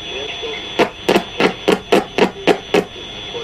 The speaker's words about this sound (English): Creating radio waves is actually very simple. Any electric spark emits them. Each of these sparks is sending out radio waves. You hear them on the radio as interference.